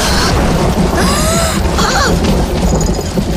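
A loud thunder clap in a thunderstorm rolls into a heavy, continuous rumble that fills the whole moment, with faint thin whistling tones flickering over the roar.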